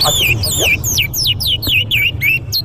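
Small pet birds kept at home chirp and tweet continuously in quick, looping high-pitched notes, fairly loud, over a low steady background rumble.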